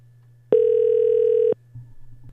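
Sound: telephone ringing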